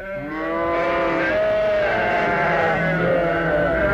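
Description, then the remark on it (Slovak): A chorus of sheep bleat loudly and continuously on a farm, several wavering voices overlapping for the whole stretch, with no talking. “Bé, kde je naša potrava? Dajte nám jesť, bé.”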